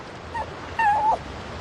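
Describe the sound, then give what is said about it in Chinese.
A puppy being offered for sale whimpers twice, a brief thin whine followed by a longer, wavering high-pitched one, against a soft, steady background hiss with no one talking. “爷爷，你买小狗不？”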